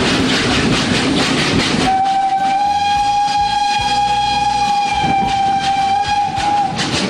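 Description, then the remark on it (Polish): A steam locomotive rumbles and hisses along the rails, then a long, steady high-pitched whistle or squeal rings out for about five seconds over the continuing rolling noise. “Charakterystyczne dźwięki wydobywają się, kiedy ruszają, kiedy są rozpędzone i hamują z piskiem.”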